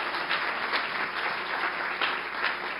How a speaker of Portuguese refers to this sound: Você pode aplaudir a Jesus pela vida do pastor Paulo?